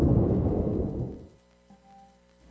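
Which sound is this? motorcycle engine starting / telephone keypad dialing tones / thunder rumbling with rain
thunder rumbling with rain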